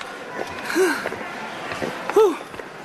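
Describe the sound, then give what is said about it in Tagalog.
Heavy, breathy panting comes in two voiced gasps about a second and a half apart, with faint hurried footsteps tapping underneath against a steady background hiss, as a person runs to get into a movie theater. “Hinihingal ka agad, oh. Ito naman parang matanda na. Bilis mo namang hingalin.”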